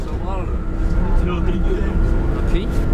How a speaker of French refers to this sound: Bon, alors là, nous quittons le lycée Bonnefonds, on est dans le bus et on part pour Vieille-Brioude pour voir un couple de maraîchers.